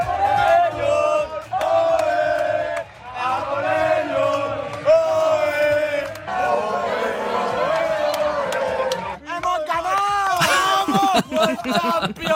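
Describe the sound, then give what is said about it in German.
A large crowd of hundreds cheers and shouts loudly and continuously at the Radio Wien public viewing of the football World Cup final at the Salettl am Campus in the 9th district, with chanting voices rising in waves and bursts of whooping, the roar staying dense and energetic throughout. “Aber mehr als nur die Spanier haben gestern gejubelt beim Finale der Fußball-WM.”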